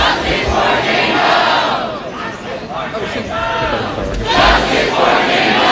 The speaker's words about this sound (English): Protesters shouting justice for Jane Doe over the school's response to allegations of sexual assault at a fraternity house.